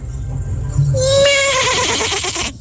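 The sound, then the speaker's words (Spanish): A person loudly imitates a rooster crowing as a hidden talent, one drawn-out, wavering, strained cry lasting about a second and a half, coming out almost like a horse's whinny. “Mi talento oculto es ser como un gallo.”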